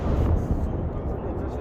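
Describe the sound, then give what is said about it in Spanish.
A deep, continuous rumble from an approaching cruise missile explosion rolls through the whole moment, heavy in the low end and steady in loudness, sounding powerful. “Misiles de crucero, son cohetes.”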